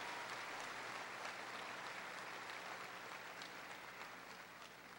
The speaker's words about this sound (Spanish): Démosle un fuerte aplauso a Jesucristo por este poder y este amor para nosotros.